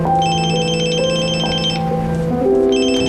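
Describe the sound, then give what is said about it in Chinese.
A telephone rings with a loud electronic ringtone: shifting melodic tones under bright, high trilling bursts that stop briefly and start again, with no one speaking. “在退休之前您先收着嘞，这个月把案子破了，这省厅一天好几个电话都问。”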